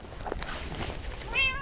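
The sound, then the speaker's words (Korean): A cat gives a single clear meow near the end, rising and tonal, over a low outdoor background hum with faint rustling beforehand. It is one of the cats waiting for food in an alley of the Bogang-dong redevelopment area. “같은 시간, 같은 골목에서 밥을 기다리는 고양이들.”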